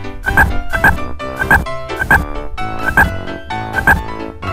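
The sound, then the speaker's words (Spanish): A frog croaks loudly in a steady rhythm, each call a rough, raspy double pulse repeating roughly every second, with no other sounds or voices. “Rana, frog.”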